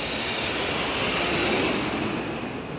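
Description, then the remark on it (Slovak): A steady, broad jet airplane roar passes high overhead under a starry night sky, swelling slightly to a peak midway and then easing off, with no voices. “Vysoko nad ním, uprostred hviezdnatej oblohy, zazletí lietadlo.”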